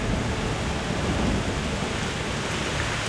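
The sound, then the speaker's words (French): Heavy, torrential rain of the Mazika, a spring monsoon storm, pours down in a dense, steady roar, with a deep rumble of thunder rolling underneath throughout. No voices, just the constant wash of a storm. “Ce vent violent arrive de la mer en apportant une pluie torrentielle!”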